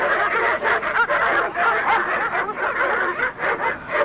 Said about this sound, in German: Aber als wir nach langer Eisenbahn- und Busfahrt und einem nicht enden wollenden Fußmarsch schließlich spätabends vor dem Haus angekommen waren, begrüßte uns nicht Herr Morgan, sondern eine wild kläffende Hundemeute.